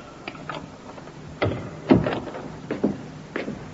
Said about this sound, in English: The door, Inspector. I heard it, Sergeant.